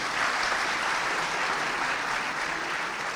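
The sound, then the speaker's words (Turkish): A crowd applauds steadily, a dense wash of many hands clapping at an even, sustained loudness with no voices standing out, applauding audience members who each have ten siblings. “E ondaki on kardeşler bir alkışı hak etmiyorlar mı?”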